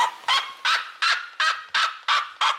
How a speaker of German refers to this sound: Ja, die Rotfußseriema, also der andere sehr laute Vogel, der hat so einen jaulenden Ruf.